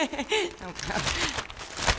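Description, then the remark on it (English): Newspaper pages rustle and crinkle in short, uneven bursts, with murmured voices underneath at the start; the paper is an Atlantic City newspaper, held upside down while an obituary is read. “Listen to this obituary I just found in the Atlantic City paper. You're holding it upside down.”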